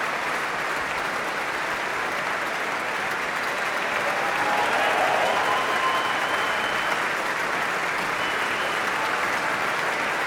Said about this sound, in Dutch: En dit applaus is voor Ad Willeman, Raymond Rook en Johan Verheij, de trompetisten van het Radio Philharmonisch Orkest.